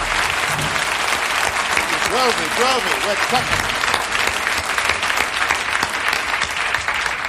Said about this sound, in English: I should like to introduce some special members of our orchestra. First, the entire orchestra. I would like to have stand and take a well-deserved round of applause. Please rise, gang. Get up. Light them up.